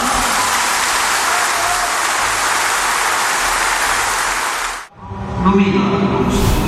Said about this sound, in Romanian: Ați auzit și dumneavoastră câte aplauze a primit Ludovic Orban la acest congres.